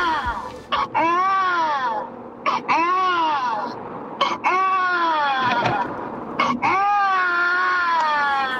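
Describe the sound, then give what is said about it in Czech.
An adult voice imitates a crying baby, with a series of loud, wavering wails and short gasping breaths between each cry and no other sounds. “To je pláč miminka. Takže někdo napodobuje dospělej pláč miminka.”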